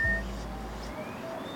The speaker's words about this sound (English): This bird.